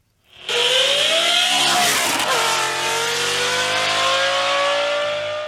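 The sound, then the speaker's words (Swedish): A powerful car engine roars, its pitch climbing sharply as it revs, then holding a loud, steady growl for several seconds: a red Volvo 245 fitted with a Lamborghini engine, driving on roads in central Sweden. No voices are heard. “Vi ska nämligen prata med en man nu som har satt in en Lamborghini-motor i sin Volvo 245.”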